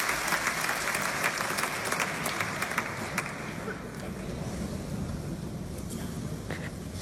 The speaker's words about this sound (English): People clapping, obviously, so... Yes, so this is recorded from the back of the hall at the Paris Philharmonic.